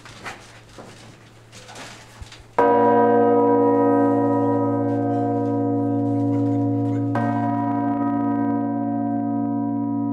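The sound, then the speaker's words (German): A huge, deep five-ton church bell, the heaviest of the bell tower's ring, strikes loudly and very close, its rich harmonic hum ringing on, then struck again midway with a long sustained resonance. Faint voices are heard before the first strike. “Diese Glocke, 5 Tonnen, wurde früh mit dem Seil gezogen.”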